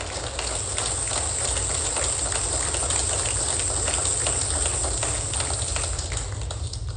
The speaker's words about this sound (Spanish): ¿Podemos decir amén? ¿Podemos comprometernos con un aplauso?